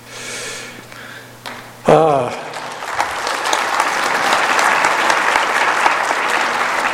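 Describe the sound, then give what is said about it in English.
A crowd breaks into applause after a brief vocal sound, the clapping swelling quickly into a dense, steady roar of many hands that holds loud for several seconds. “I'm sure Sister Hinckley would appreciate your applause on that.”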